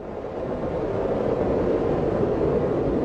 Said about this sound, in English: You know what that is? Train? Water? That's a tornado in the distance.